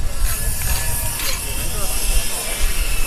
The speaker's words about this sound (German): Spanplatten werden zurechtgesägt.